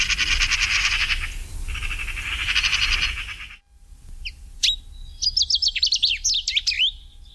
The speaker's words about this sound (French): La pie bavarde, le numéro 12.